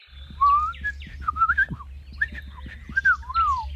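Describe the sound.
A person whistles a series of bright chirps imitating birdsong as bird language, rising and falling in short phrases, fairly loud over a low background hum, with no talking.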